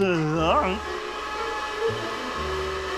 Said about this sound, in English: Pumping Jehoshaphat and distortion and feedback. That's the vacuum cleaner. Oh, yes, yes. So it is. The vacuum cleaner.